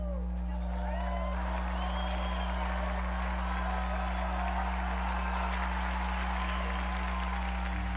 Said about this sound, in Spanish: Unidos pues a esta iglesia, brindemos nuestro cálido aplauso a las beatas Dolores y Consuelo Aguiar Mela Díaz.